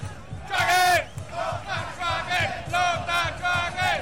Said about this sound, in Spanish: Escucha el grito de la gente.